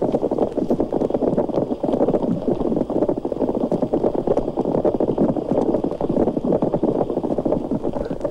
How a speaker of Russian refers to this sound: Рыбы-кошки, собравшись в стаю, урчат, будто кипит множество кофейников сразу.